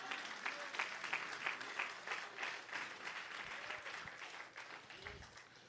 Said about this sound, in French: Bah, bon Dieu, on applaudit ce moment-là.